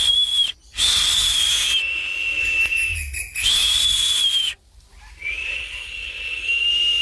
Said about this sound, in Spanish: Los tucanes silbaban desde las ramas.